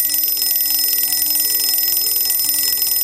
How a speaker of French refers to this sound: Vendredi 9 mars 2001. Il est à peine 6h30 quand le réveil de Bernd se met à sonner.